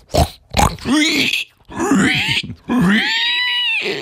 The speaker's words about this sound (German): Ja, das ist ein Schwein. Oder eine Sau. Fängt beides mit S an.